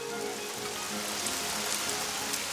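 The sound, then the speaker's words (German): Steady summer rain pattering on the leaves of bushes and trees, a dense, even hiss of countless drops with faint scattered ticks, continuous, with no voices. “Lauer Regen. Sommerregen, rauscht von Büschen, rauscht von Bäumen.”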